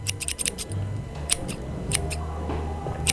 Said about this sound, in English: I'll just make some adjustment here with the scissors. I'm making a Cthulhu cutout here.